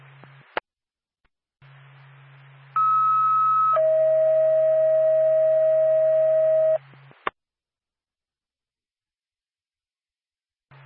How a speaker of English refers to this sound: Whitefield ambulance, stand by for a tone.